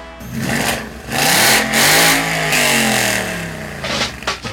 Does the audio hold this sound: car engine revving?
yes